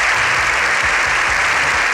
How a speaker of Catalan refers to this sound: Més de 7 minuts d'aplaudiments, aquests que sentim, dels aplaudiments més llargs que es recorden al Congrés dels Diputats, en una imatge inèdita d'un congrés que per un matí ha aparcat la discussió política.